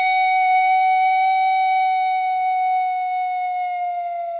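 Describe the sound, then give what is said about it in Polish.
A pan flute, a row of pipes of different lengths set side by side, holds one long, steady breathy note that sags slightly in pitch as it fades near the end, played alone with no talking. “Cało inac funkcjonuje tak pominiona panowa flejta.”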